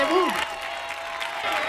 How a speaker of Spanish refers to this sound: Maravilla, un aplauso fuerte, fuerte, fuerte. Atronadora la ovación.